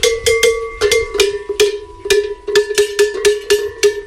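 Large cattle bells worn by cows clank in a continuous irregular rhythm, a dense series of loud metallic strikes with a steady, fairly low ringing tone beneath, no voices present.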